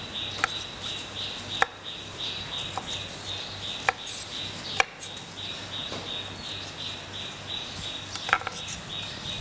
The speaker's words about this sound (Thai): ก็ลวกเช่นเดียวกันนะคะต้มน้ำลวกให้สุกนะคะก็หั่นชิ้นพอคำนะคะ